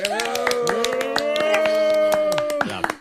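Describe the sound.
Scattered, irregular hand claps from a group after a resolution is passed unanimously, ringing out over a steady hum of overlapping voices, with the clapping sharp but fairly sparse rather than a dense roar of applause.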